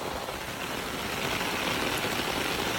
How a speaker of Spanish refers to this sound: l'aigua caída ha superat totes les previsions i és que la lluvia de les últimes hores ha descargat amb moltíssima força en el sud de Tarragona.